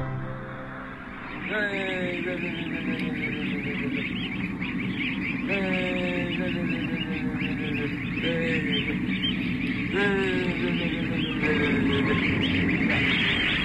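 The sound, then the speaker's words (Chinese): A flock of Taizhou white geese, a breed particular to the Taizhou area, honks continuously, with several loud, nasal calls rising above a dense, steady chorus of birds. “这个鹅就是我们泰州大白鹅，是特有的，我们泰州地区的这个特有品种。”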